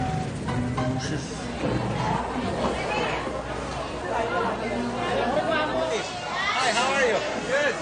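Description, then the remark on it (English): A dense crowd of voices at a market chatters and calls out over one another, with raised shouts rising above a steady, loud babble that never lets up. “What's going on? They're all shouting.”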